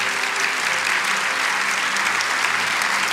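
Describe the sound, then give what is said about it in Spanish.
A crowd applauds the Lord after a reading of a scripture passage, in a steady, dense wash of clapping that holds at an even, fairly loud level for about three seconds, with no voices standing out. “Oh, ¿cuánto pueden darle un aplauso al Señor por ese tremendo pasaje de Dios?”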